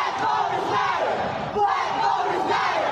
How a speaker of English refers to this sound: Protesters gathering under the Gold Dome this summer against the redrawing of congressional maps.